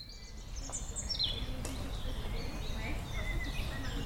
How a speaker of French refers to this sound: Sous un grand ciel bleu, la ville semble disparaître pour laisser place au chant des oiseaux et au calme de la nature. Bienvenue aux prairies Saint-Martin, à quelques minutes seulement du centre de Rennes.